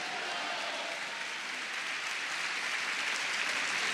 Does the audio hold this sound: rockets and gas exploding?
no